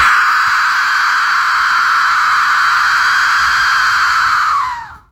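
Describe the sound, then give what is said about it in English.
An Aztec death whistle is blown, giving a harsh, piercing, noisy shriek held at a steady loud level for about five seconds, like a wailing scream of rushing air, before sliding down in pitch and cutting off. “The soothing sound of the Aztec death whistle.”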